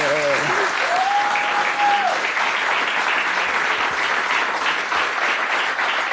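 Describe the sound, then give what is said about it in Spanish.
Sustained applause from a crowd for a tenor who reached the grand final of the talent show Tengo Talento, Mucho Talento, a dense steady wash of clapping lasting several seconds, with a brief vocal tone or whistle rising over it early on. “estuvo en la gran final de Tengo Talento, mucho talento mundial, digno papel, excelente representante campechano y la verdad que merece un gran aplauso nuestro tenor, gobernador.”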